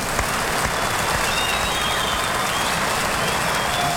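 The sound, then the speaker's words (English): A concert audience at the Long Beach Municipal Auditorium applauds a gospel group's bass singer after a spiritual, a dense crackle of many hands clapping at an even, loud level for several seconds, with a few faint whistles cutting through above it. “he always leaves the applause for himself.”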